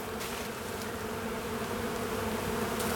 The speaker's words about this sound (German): Nur ein Schwarm Bienen erfreut sich gerade am dichten Grün.